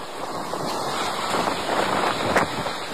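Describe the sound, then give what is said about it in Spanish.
Strong storm wind roars steadily in a broad, dense rush, with brief louder gusts surging through during a night storm in Tamazunchale, a municipality of the Huasteca; no voices, just continuous blustery noise. “Escuchemos cómo fue el rugir del viento ayer en Tamazunchale.”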